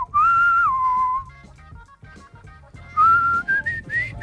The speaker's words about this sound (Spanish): Oye, silbas muy bien. Gracias. Es que mucho gimnasio, tío. hay que entrenar el labio, ¿eh?